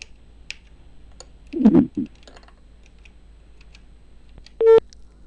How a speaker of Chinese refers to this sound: 在等待查询这个号码的过程当中，我们继续来拨赵副镇长的电话